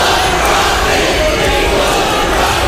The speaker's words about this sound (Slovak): Ľudia sú dôležitejší ako zisk. Kričali stovky protestujúcich počas zasadania okresných komisárov, ktorí výstavbu dátového centra Stratos v Utahu jednohlasne schválili.